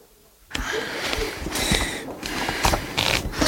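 A person riffles the pages of a book quickly through their fingers in a public reading room: a steady stream of papery flutters and crisp rustles, starting abruptly after a brief quiet moment and continuing without speech.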